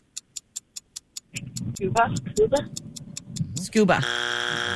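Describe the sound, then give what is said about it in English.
A steady countdown of ticks gives way to excited voices talking over the ticking, then a loud, harsh game show time-up buzzer blares and holds to the end, ending a round of trivia questions. “That's our buzzer, ladies.”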